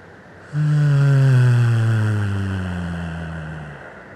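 A low, steady hum sung on one long exhale after a deep held breath, used as a relaxing release sound in a breathing exercise. It starts abruptly and holds a single deep pitch with rich overtones for about three seconds before slowly fading, with no talking.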